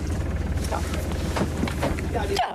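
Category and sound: vehicle, boat engine running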